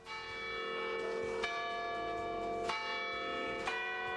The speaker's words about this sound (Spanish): Ah, porque me sonaba más a campana de iglesia.